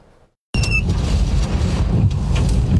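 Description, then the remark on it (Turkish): A sudden burst of strong, roaring daytime wind from a tornado that tore off roofs in the Ahlat district of Bitlis buffets the microphone and keeps blasting with a heavy low rumble, after a brief moment of near silence. No one speaks. “Bitlis'te de şiddetli rüzgarla birlikte oluşan hortum çatıları uçurdu.”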